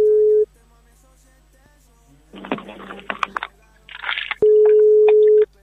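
A steady electronic telephone ringing tone sounds briefly at the start, then crackly line noise, and the tone returns for about a second, as a radio station calls a mobile phone from Tunuyán and it rings on the other end.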